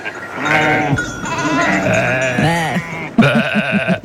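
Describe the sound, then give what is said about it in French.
Many sheep, about 1000 returning from summer pasture in the autumn transhumance at Roubion, bleating together in a loud, continuous chorus, overlapping cries from a large flock, with a burst of sharper, wavering bleats near the end. “Et puis ça a bêlé hier à Roubion.”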